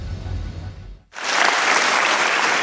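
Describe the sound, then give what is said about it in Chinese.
At a commercial aerospace event, after a low rumbling lull and a brief near-silent gap, loud, dense applause bursts out from a large crowd welcoming a co-founder of Western Aerospace Technology Shaanxi Group, and continues steadily, filling the space with sustained clapping. “掌声欢迎”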